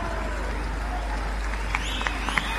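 Steady audience applause for the band's bass drum player during the introduction of the band members, a dense wash of clapping held at an even level throughout, with a few sharper bright accents near the end that could be whistles or cheers.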